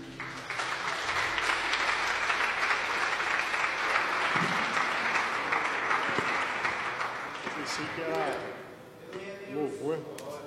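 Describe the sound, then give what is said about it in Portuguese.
A church audience bursts into loud, sustained applause for Jesus as a preacher is welcomed, a dense wash of clapping for about eight seconds that fades as a voice begins speaking over the last moments. “Vamos receber o servo de Deus com palmas bem forte para Jesus.”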